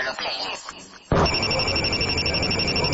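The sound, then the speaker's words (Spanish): After a brief moment of voice, a loud telephone bell bursts in suddenly and rings continuously with a harsh, metallic, high-pitched jangle until the end. “Cuando suena el teléfono, ellos no dudan.”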